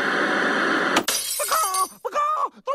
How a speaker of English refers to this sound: The lights are falling! Yes, Chicken Licken is right again. The lights here in our studio are falling.